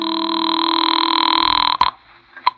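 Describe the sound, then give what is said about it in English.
A steady telephone dial tone drones for almost two seconds, then cuts off into a couple of sharp clicks as a phone in a house is dialed; no one speaks. “Well, I couldn't lose much more, so I went back into the house to use the phone.”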